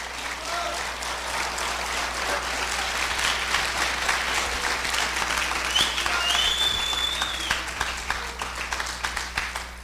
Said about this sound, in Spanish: por eso hermano, gracias por los aplausos a Cristo Jesús.